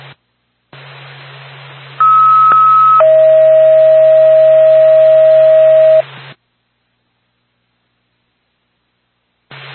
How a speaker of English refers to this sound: North Acton Whitefield Ambulance, stand by for tone.